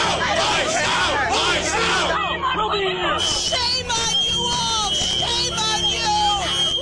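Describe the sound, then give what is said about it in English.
An upset crowd of protesters in Vermont shouting and jeering over one another as ICE agents search a house, a dense, loud wall of overlapping voices with rising yells and whoops that never lets up. “As ICE searches the house, the crowd grows more upset.”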